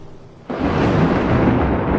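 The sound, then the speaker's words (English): A sudden thunder clap sound effect bursts in after a brief quiet moment, then rolls on as a loud, sustained rumble with no voices, in an advertisement for the design firm Code Zenith. “When your brand needs to make noise, we bring the thunder.”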